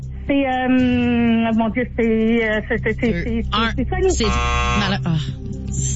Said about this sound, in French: Elle l'a dit avant le buzzer. Je m'en vais voir à Toronto. Ça a été dit avant le buzzer, hein? OK. Ouais. Ça a été dit avant le buzzer, c'est confirmé.